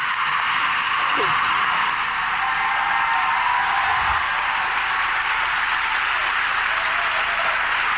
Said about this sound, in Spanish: Ese aplauso que escuchan es la ovación de todos los que están congregados en el Aula Magna.